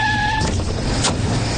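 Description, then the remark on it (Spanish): A taxi pulls up, its engine rumbling low beneath steady road noise, with a brief high squeal at the start like brakes, then idling hiss. “¡Hey! ¡Taxi!”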